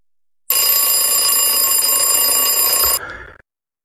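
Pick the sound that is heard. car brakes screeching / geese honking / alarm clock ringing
alarm clock ringing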